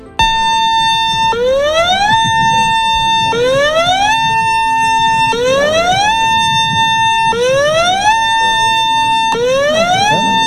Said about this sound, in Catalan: només en cas de trencament de la presa s'utilitzarien les sirenes